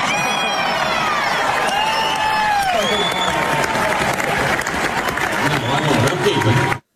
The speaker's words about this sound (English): Big cheer from the crowd. Big laugh to that.